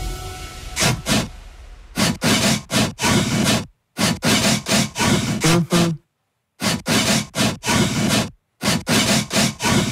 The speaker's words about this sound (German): Wir drei Gemeinde, wir suchen noch immer unseren Sägesong. Und er schreit nach Wiederholung.